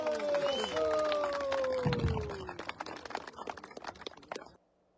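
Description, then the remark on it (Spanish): A crowd at a political rally bursts into loud, rapid clapping with shouts and whistle-like cries rising over it, the applause building and then cutting off abruptly near the end. “¡Fuertes palmas combativas!”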